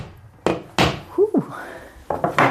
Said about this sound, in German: Und packt es gleich aus, greift zum Hammer und schlägt einen neuen Nagel in die Wand.